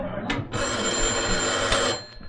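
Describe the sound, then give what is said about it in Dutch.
A telephone in a small office rings with a continuous, bright electric bell trill lasting about two seconds, loud and steady before cutting off. There is no talking. “Toch goed dat we telefoon in uw kantoortje hebben neergezet, hè?”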